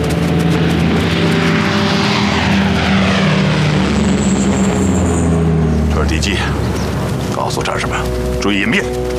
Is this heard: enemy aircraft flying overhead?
yes